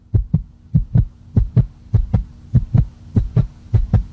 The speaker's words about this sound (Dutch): Je hebt dan iets gemaakt, je hebt wat ingeleverd. Je hartslag gaat 180 omhoog.